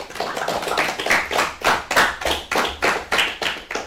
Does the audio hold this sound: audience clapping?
yes